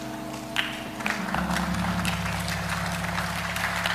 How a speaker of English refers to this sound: Go ahead, clap.